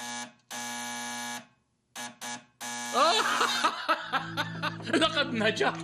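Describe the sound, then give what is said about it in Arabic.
A newly made battery-powered electric bell, tested with someone standing behind a door, buzzes in a few harsh, steady bursts: one long, two short, then another long. Laughter and chatter rise over the final buzz and continue afterward. “الطنين العالي، الصوت الأول الذي استخدم في الجرس الكهربائي الذي يعمل عن طريق البطاريات.”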